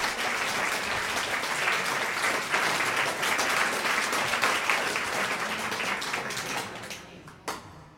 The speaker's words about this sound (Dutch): Mag ik dan een groot applaus? Keshav Krishnan speelt de tarantelle van Chopin.